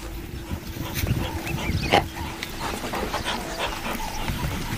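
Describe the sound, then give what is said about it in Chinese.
African wild dogs give scattered soft yips and whimpers against a steady outdoor rumble, with one sharper call standing out midway before the sounds settle back to faint, intermittent vocalizing, as they wait by a tour vehicle under which two spotted hyenas are hiding. “非洲野犬安静下来，却没有离开。”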